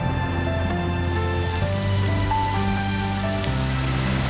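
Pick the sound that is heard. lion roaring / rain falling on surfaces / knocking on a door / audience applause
rain falling on surfaces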